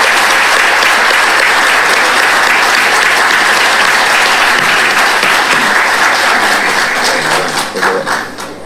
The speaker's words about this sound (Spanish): Les pido un fuerte aplauso para ellos, para nuestros galardonados.